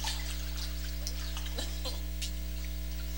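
Soft, intermittent sloshing and light splashing of water in a baptismal pool during a church baptism, fairly faint, over a steady low electrical hum with no one speaking.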